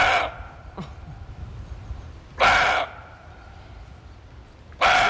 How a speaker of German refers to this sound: Der Rehbock, der gauzt wie ein Hund, so ähnlich.